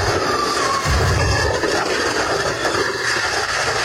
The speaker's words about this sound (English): There was a fireworks explosion in the state of Washington. You may have seen it. You may have heard it sounding like this. It seems the two houses were destroyed because someone was around the fireworks, as you'll hear, with a cigarette.